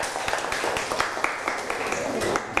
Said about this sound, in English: Clap your hand for her. Good job.